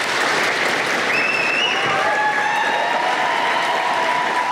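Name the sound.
staff applauding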